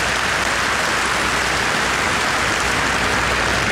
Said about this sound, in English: And we've also got the brilliant Andrew Rosendale, who is, yeah, you can give him a clap, he's a great man.